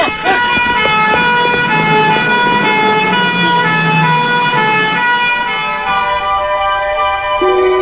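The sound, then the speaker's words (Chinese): A loud ambulance siren wails continuously for the whole stretch, steady, with its tone holding strong before easing slightly near the end. “快叫救护车！”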